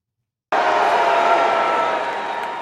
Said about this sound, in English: Merely minutes into his speech, the first of what appeared to be a coordinated line of demonstrators began shouting, stopping President Trump in his tracks.